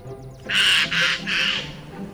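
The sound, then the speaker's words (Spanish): A jay gives three harsh, raspy squawks in quick succession, loud, with faint chirps and low background noise around them. “Un arrendajo.”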